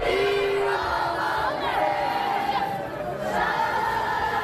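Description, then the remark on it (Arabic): A large stadium crowd of fans chants "Dima Maghrib" together in unison at Prince Moulay Hassan Stadium in Rabat, Morocco, after Morocco's women's team lost the Women's Africa Cup of Nations semi-final to Cameroon on penalties; a loud, steady mass of voices with rising and falling sung pitches and a continuous roar beneath. “دقائق من صمت بعد مغادرة ملعب الأمير مولاي الحسن في العاصمة الرباط قبل أن تردد الجماهير بشكل جماعي وبصوت عالي ديما مغرب في عقاب خسارة لبؤات الأطلس لمباراة نصف النهائي في كأس إفريقيا للسيدات بضربات الجزاء ضد الكاميرون.”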